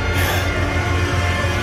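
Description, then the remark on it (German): Rushing water floods into a cellar as a lake is drained, rising fast, with a loud, steady roar, a dense unbroken hiss and rumble that holds at an even level throughout, with no voices. “Nein, der Keller wird geflutet.”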